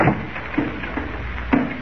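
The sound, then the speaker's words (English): A car door opens and shuts as people get into a car to drive up to an old mine, a series of dull mechanical clunks and thuds, the loudest slam near the end, with no voices over a muffled background. “Here's my car. Get in.”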